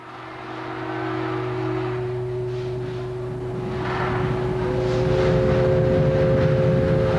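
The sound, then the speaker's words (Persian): A heavy truck engine drones steadily in the early morning, its low rumble growing gradually louder as it approaches from the far end of a courtyard. No one speaks. “از ماشین بارکشانی که از آن سر حولی می آمد جوان فروجسته رو به مهربان شتافت”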